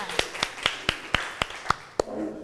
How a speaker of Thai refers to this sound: ขอเสียงปรบมือให้เพื่อนกลุ่มที่2ด้วยค่ะ